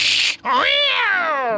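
A frightened cat gives a short, sharp hiss, then breaks into a long, loud, wavering yowl that rises and slowly falls, with no talking.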